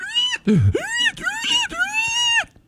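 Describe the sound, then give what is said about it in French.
A game-show contestant imitates a pig: a low grunt among a few loud, strained squeals that bend up and down in pitch, running together for a couple of seconds with no speech. “C'est vrai, t'es bien bon pour faire le cochon.”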